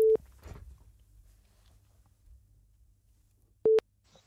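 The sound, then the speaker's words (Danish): A telephone ringback tone on a phone line as a radio studio calls a listener: two steady, mid-pitched beeps about three and a half seconds apart, loud and clear over a quiet line with faint background hiss. “Der er ringelyden, ikke?”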